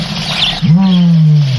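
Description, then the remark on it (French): A single low, drawn-out call of a savanna bird, a steady hooting tone that sags slightly at the end, rising out of a rushing, airy outdoor background. “C'est un oiseau. Un oiseau, Francis. Un oiseau de la savane? Oui.”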